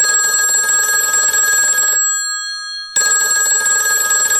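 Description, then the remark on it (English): A loud telephone bell rings in two long bursts separated by a brief pause, a bright metallic trill with no one speaking. “Wait for the phone.”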